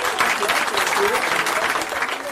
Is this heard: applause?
yes